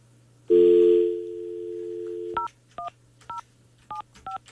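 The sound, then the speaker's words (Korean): A steady telephone dial tone hums for about two seconds, then gives way to six short, evenly spaced touch-tone dialing beeps, clear, with no voices, as a radio host calls a listener from a landline. “자 우리 2839번님께 이 시간 한번 전화를 한번 해보도록 하겠습니다.”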